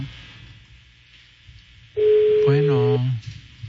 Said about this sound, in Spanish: Sonando. Teléfono de la diseñadora.